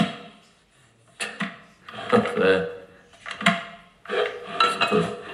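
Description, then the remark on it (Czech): Clattering and clunking as someone handles an electric kettle in a kitchen that will not switch on: bursts of plastic and metal knocks, lid fiddling and scraping, with brief quiet pauses between handling. “To je zajímavý, ta konvice nějak nejde zapnout.”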